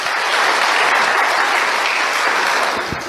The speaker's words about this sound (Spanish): Demos los aplausos a todos los que están mirando.